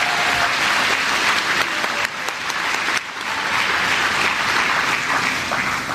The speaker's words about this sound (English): Can we have another round of applause for Mr.